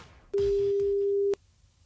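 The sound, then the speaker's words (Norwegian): A single steady telephone ringing tone sounds for about one second, a clean mid-pitched beep heard through the line while someone calls a contest winner, with faint background noise before and after. “Så nå slår jeg på tråden til en heldig vinner.”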